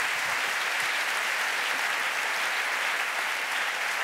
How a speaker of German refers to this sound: Applaus für eure kreativen Antworten, das habt ihr ganz, ganz prima gemacht.